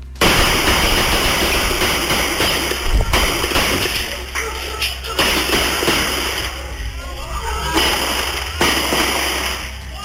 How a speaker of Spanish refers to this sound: Ahí pudimos escuchar entonces los diferentes disparos provenientes desde un vehículo. Hay que indicar que se desconoce la cantidad de armas que fueron utilizadas tras esta balacera